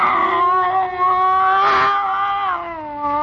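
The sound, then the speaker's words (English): A scrawny cat named Clara yowls in one long, drawn-out wail, its pitch wavering and swelling midway before sliding down, loud with no other sounds around it, as it circles a bushmaster snake by a stove aboard a vessel. “Slowly, it moved out into my line of vision. It was a cat.”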